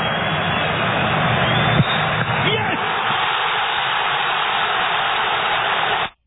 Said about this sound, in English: Those are the crowd going nuts. Morocco with the winner. They move on.